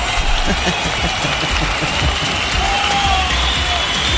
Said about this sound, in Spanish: Fuerte los aplausos para Fátima Martínez. Y también fuerte los aplausos para Pau-06.